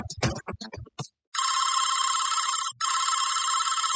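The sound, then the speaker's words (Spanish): A telephone rings in two long, loud electronic bursts separated by a brief pause, nobody picking up, after a short moment of someone talking at the start. “Caro no contesta, me pichó.”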